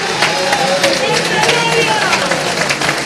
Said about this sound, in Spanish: Demos un aplauso al maestro en esta hermosa tarde.